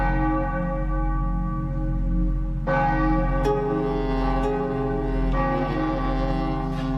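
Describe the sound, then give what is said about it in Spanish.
Church bells toll loudly, with fresh strikes around the third and fifth seconds, each leaving a long, shimmering ring that layers over the sustained hum of earlier strokes. “Sabido es que los tañidos de las campanas valieron en Aigal tanto para preservar de las tormentas, evitando su formación, como para eliminarlas.”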